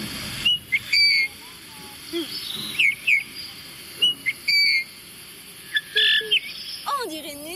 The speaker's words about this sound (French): Et on va faire le bouvreuil. Regardez comme il est beau avec sa tache de rouge. Regarde. Sous tout le ventre, il y a du rouge. C'est le bouvreuil pivoine.